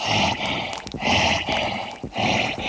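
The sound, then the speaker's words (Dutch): A voice imitates heavy, rasping panting, with loud breathy huffs in a steady in-and-out rhythm, about four or five breaths, alone with no talking. “En niet te vergeten de beruchte hijger.”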